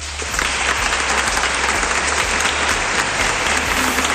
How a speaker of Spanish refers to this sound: Pues ahí está la ovación también de los miembros presentes en esa gala del Reconquista, en esa sala del Reconquista, mejor dicho.